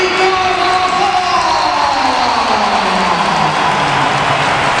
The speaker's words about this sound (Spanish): Esto es un aplauso. Bueno, y sin música de fondo también, que eso también influye.